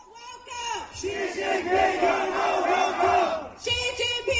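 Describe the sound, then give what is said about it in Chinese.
Protesters outside the south side of the White House fence shout through loudspeakers, a loud, continuous wall of amplified voices and crowd noise with a chant-like rhythm, briefly dipping near the end before the shouting surges again. “那这次呢，在昨天民众可以在白宫的栅栏外直接抗议，是南边的哈。那么用高音喇叭呢，大家听得见吗？”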